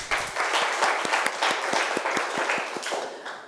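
A group of students in a maths class applauding a classmate who answered correctly, a steady burst of sharp, rhythmic claps that holds strong for a few seconds before tapering off, with no talking.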